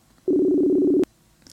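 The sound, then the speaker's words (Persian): A single burst of telephone ringing tone as a call is placed to an interview guest, a steady low warbling beep lasting under a second, heard clearly over the line and cut off by a click, followed by quiet. “تلفنشون زنگ میخوره.”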